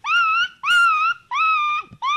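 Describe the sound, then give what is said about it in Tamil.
A voice imitates an injured dog whimpering in a school students' mimicry performance: four drawn-out, high, wavering whines in quick succession, each rising slightly at the start, loud, with short gaps between them. “டேய், இது பேர் அடிப்பட்ட நாயிடா.”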